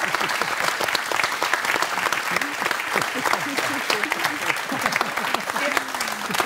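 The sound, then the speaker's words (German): An audience applauds steadily for a couple married more than 40 years, a dense, even wash of many hands clapping that lasts the whole stretch, with scattered voices calling out beneath it. “Das ist schon mal ein Applaus wert.”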